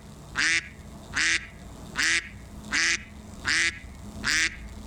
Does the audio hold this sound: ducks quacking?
yes